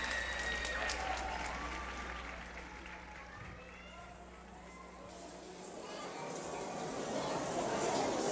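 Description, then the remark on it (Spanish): A large audience claps in a sustained ovation, dense and steady throughout, dipping slightly in the middle before swelling louder again, with scattered crowd voices mixed into the applause. “Al terminar, la ovación parece nunca acabar.”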